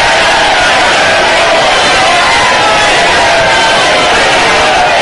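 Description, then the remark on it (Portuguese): Loud, sustained shouting from many voices at once, a dense, unbroken roar of yelling that fills the whole stretch without pauses or distinct words. “Grita aí, grita aí.”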